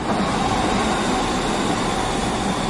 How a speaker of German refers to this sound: Was für ein schönes Geräusch. Ein Zug, der fährt. Am besten noch pünktlich.